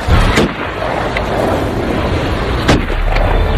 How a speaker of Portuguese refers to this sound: E é real, esse tiro que você escutou aí agora foi exatamente o barulho do tiro, não é?